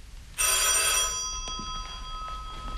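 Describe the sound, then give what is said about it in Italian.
An old-fashioned telephone bell rings loudly in one sharp burst of rapid metallic clanging, about three-quarters of a second long, then its tones linger and fade. “Pronto? Non lasci, è per me.”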